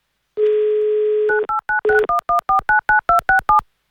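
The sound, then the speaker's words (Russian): A steady telephone dial tone gives way to a quick, even run of about a dozen dual-tone keypad beeps as a phone number in Tula Oblast, Russia, is dialed for an Avtoradio radio money game, with no voices. “Пока же мы играем на деньги, давайте звонить в Тульскую область.”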